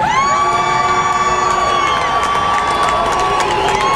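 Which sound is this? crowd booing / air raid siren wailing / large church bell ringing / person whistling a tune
crowd booing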